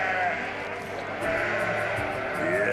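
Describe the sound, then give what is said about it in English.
A crowd of sheep bleat over one another at dawn in a constant, overlapping, loud chorus, with no pause across the few seconds. “That is the dawn chorus.”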